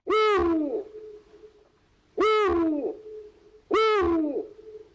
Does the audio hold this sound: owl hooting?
yes